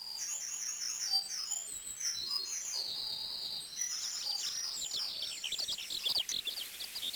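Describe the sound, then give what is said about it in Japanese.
Bright, whistled calls of a Pacific golden plover (kolea) in Hawaii ring out again and again over a steady outdoor background, the high chirps overlapping at moderate loudness with no one speaking. “ハワイではコーレアは特別な場所にいる鳥ではありません。”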